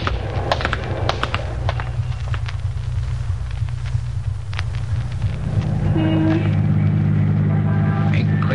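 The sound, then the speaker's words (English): A car engine hums steadily in the foreground as the car drives through city traffic, with surrounding traffic noise, scattered clicks and knocks, and a brief horn-like tone sounding near the end. “Boys, a lot of traffic out, more than we counted on.”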